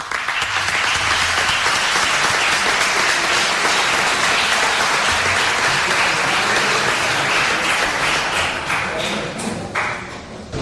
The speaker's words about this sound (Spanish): Pues recibamos con un fuerte aplauso